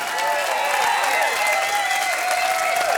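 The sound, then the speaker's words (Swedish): A crowd applauds steadily after a live concert at Musikplats Stockholm, broadcast on P4 radio, a dense wash of clapping at even loudness, with whistles and cheers rising above it throughout. “Stor applåd för hela gänget.”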